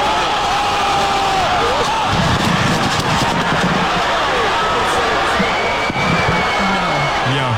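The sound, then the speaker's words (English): A loud, dense crowd roar fills the whole stretch, with overlapping shouts, whoops and cheering voices rising and falling without a break, from the crowd in the ring at a celebrity boxing event put on by streamer Aiden Ross, at the fight between Ray J and Super Hot Fire. “This is kind of what it sounded like in the ring.”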